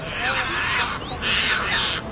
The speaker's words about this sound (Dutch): En vliegen op en neer naar plekken waar ze vissen vangen. En als ze dan aankomen bij zo'n bankje, dan roepen ze en schreeuwen ze naar elkaar. Zoals sterns vaak doen. Dus dat horen we.